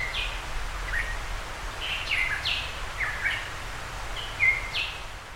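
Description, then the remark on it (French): Short, bright calls of a Tahiti monarch, a very rare small black bird endemic to Tahiti and critically endangered, repeat every second or so, each a quick downward chirp, over a steady low rumble of humid forest background noise. “Oiseau endémique de Tahiti, monarque de Tahiti, un petit oiseau noir très rare vivant dans les forêts humides.”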